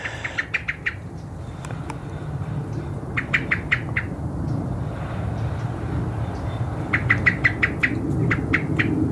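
A European robin's ticking alarm call: three bursts of sharp, rapid ticks, five or six at a time, fairly close and clear over a steady low rumble, with no voices.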